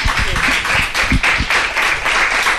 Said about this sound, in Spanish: Un aplauso.